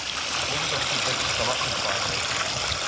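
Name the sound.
shallow stream water trickling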